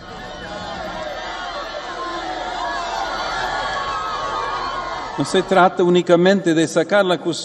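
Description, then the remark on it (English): A large crowd cheers the Pope as he pauses to bless children, murmuring and calling out in a steady, lively roar for several seconds, with scattered raised voices, before a single voice begins speaking over it. “The Pope also pauses to bless children, much to the joy of the cheering crowds.”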